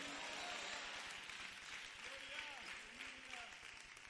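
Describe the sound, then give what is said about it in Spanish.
An audience applauds steadily for the King of Kings and his name, a dense wash of clapping lasting a few seconds at fairly low level, with faint voices calling out underneath. “Démosle un aplauso al Rey de Reyes y a su nombre.”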